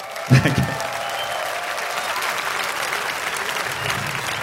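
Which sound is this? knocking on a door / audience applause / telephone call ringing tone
audience applause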